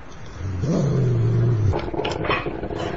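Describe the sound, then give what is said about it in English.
A deep, rumbling dog growl rises and holds for about a second, loud, then fades into a rougher, noisier snarl. “It's a dog.”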